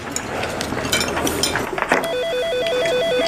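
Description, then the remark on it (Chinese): A telephone begins ringing partway through, a steady electronic warbling tone that flips rapidly between two pitches. Before it, there is a stretch of muffled clatter and rustling. “喂，菲菲，接个电话。”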